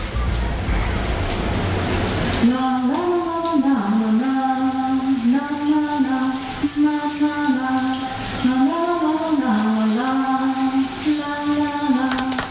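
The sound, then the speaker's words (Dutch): A shower runs with a steady hiss of falling water throughout, and after a couple of seconds a woman starts singing a wordless melody over the spray. “Aan jou de vraag, welk liedje landt ze ook alweer onder de douche?”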